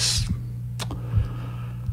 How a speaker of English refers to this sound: I mean, you know, go ahead. I hear you typing. Go ahead.